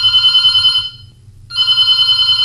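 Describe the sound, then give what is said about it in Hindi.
A telephone rings for an incoming listener call during a radio phone-in programme, in two loud electronic bursts separated by a short pause, clear and without any voices. “और देखो, हम अपनी बात शुरू करें, कोई भूमिका बनाएं और कुछ नई चीज पर हम फोकस करें, इससे पहले हमारे श्रोता हमसे जुड़ चुके हैं, तो क्यों ना हम फिर उनके फोन कॉल के साथ ही बात करते हैं।”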